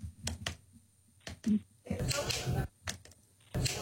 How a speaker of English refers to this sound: What's the sound of the city? I think it's a computer mouse clicking. A computer mouse clicking.